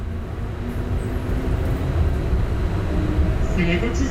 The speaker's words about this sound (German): Ich fahre mit der Straßenbahn die sogenannte Sniper Alley entlang. Die mehrspurige Hauptstraße hat ihren Namen aus der Zeit der Belagerung.